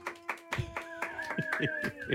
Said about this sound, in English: Normally, it's a bigger audience clapping and saying it.